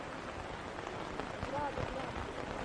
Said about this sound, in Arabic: نراعي شوية يكمل المطر وبعدين نتحرك، أو ما قلت يا شايخ؟